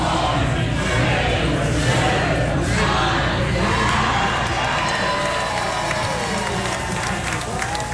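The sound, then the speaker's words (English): A large outdoor crowd of NFL fans in red at Federation Square in central Melbourne, Australia, cheers and roars continuously as the 49ers claim victory over the Rams, a dense wall of shouting and whooping voices at steady loudness throughout, with scattered yells rising above the din. “At Federation Square in central Melbourne, a sea of red erupted as the 49ers claimed victory over the Rams.”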